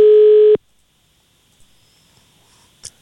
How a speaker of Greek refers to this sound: Κι αν το τηλέφωνο χτυπάει.